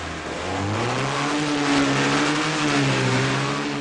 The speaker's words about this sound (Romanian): Toată lumea, geamurile jos și ascultați comanda la mine. Atenție, ambalați!